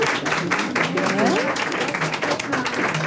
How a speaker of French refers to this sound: Alors, il y a des pour et il y a des contre, ici, dans l'Assemblée ? Qui est pour qu'on foute la paix au loup ? Par applaudissement.